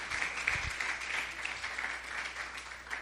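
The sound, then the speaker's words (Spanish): An audience applauds steadily for Christ, a dense wash of many hands clapping at once that holds at an even level through the whole stretch, with no speech over it. “Démosle un aplauso fuerte al Cristo de la gloria.”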